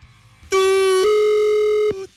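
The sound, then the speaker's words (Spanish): A steady electronic telephone tone sounds loudly for about a second and a half, shifting slightly in pitch partway through, a line tone heard while dialing a call to Tamaulipas, with faint background noise before and after. “Bebé, hasta se pierde con el tutú del teléfono.”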